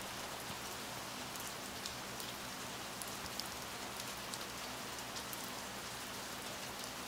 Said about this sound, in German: Draußen der Regen.